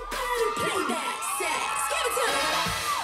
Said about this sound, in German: Die erste Runde. Unter dem Jubel vieler Freundinnen genießt sie ihren Moment im Rampenlicht.